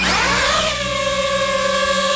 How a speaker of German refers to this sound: Ja, Drohne, eine kleine, eine, die man aus der Luft filmen kann, die man fotografieren kann. Das Geräusch, das ist ein bisschen mühsam und auch die Drohne selber, die kann mühsam sein.